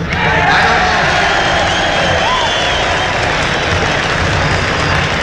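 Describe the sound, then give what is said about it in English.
A crowd of about 500,000 young people gathered on a farm roars and cheers steadily, a dense wash of many voices with scattered shouts and clapping, loud and continuous throughout without any single clear speaker. “I don't know how to speak to 20 people at one time, let alone a crowd like this.”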